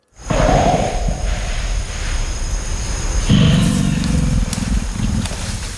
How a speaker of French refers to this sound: Et le deuxième, c'est un grognement un peu plus profond qu'on appelle belge. Oui. Et qui c'est un peu plus difficile à comprendre.